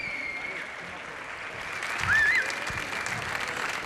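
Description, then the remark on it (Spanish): Sustained applause from a concert audience in the courtyard of the Reina Sofía museum in Madrid during a live Radio 3 broadcast on International Museum Day, a dense steady wash of clapping that swells slightly midway, with a brief whistle rising above it and faint crowd voices mixed in. “Os pido un fuerte aplauso para este arranque desde el patio del Nobel del Reina Sofía de Madrid, Radio 3 en directo, Día Internacional de los Museos.”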